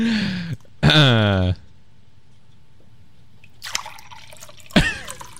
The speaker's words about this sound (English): How many glasses are you pouring?